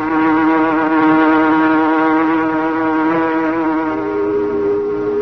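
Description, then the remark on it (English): A packing plant whistle, signalling a fault in the plant's refrigerating system, blows in one long, steady, loud blast, its rich harmonic tone holding a sustained pitch that dips slightly near the end, with no voices present. “Why is the whistle blowing?”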